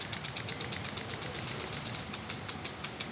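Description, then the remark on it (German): A river barge's diesel engine on the Rhine in Düsseldorf chugs steadily, a fast even knocking of roughly six beats per second, with no voices. “Was genau hören wir eigentlich vom Rhein? Nicht viel. Unten Kahn.”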